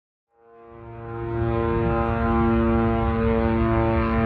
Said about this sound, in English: The second you get in, you hear the drones. They sound like a lawnmower, and they don't stop for the entire couple of weeks that I was there until you leave. So just hearing the drones overhead the entire time, first experience of seeing Gaza